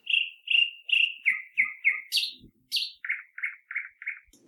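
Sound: birds chirping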